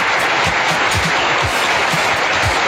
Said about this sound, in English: Oh, I don't know where that came from. But yes, a studio audience, a round of applause.